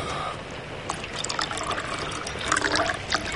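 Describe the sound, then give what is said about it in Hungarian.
Tea trickles and splashes steadily into a cup, with bright bubbly gurgles rising toward the end as the pour continues for a few seconds. “Akar teát?”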